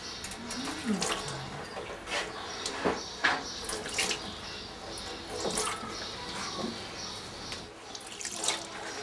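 Cold water runs and splashes unevenly over a weakened bird to try to revive it, with scattered drips and splatters and faint murmuring voices underneath.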